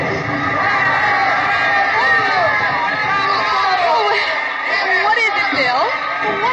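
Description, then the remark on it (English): A dense, lively crowd roars and chatters throughout, with overlapping shouts and rising whoops of excitement, festival-goers at a night fiesta in a plaza in Mexico cheering for a papier-mâché bull as fireworks go up. “They're cheering for the bull.”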